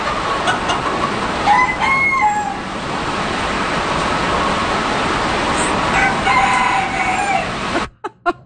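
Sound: rooster crowing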